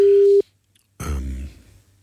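A telephone ringback tone while calling a woman's phone again: a single steady electronic beep that cuts off after a moment, then a brief silence before a louder, buzzier sound takes over.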